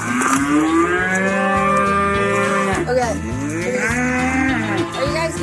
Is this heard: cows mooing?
yes